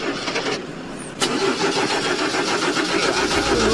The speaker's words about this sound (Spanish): Tiraste la llave y nada. Tiraste la llave y absolutamente nada, no arrancaba, te costó. La batería decidió tomarse el día.